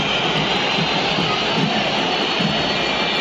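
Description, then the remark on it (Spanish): A huge stadium crowd whistles in loud, sustained disapproval at River after its third defeat in three games at the start of the championship, a dense, shrill wall of noise that barely changes for the whole stretch, with no clear voices standing out. “Hay una silbatina estruendosa, 3 de 3 las derrotas de River en el arranque del campeonato, es inusual, como dice Seba Rur, y además viene y va para atrás de perder la final del torneo anterior.”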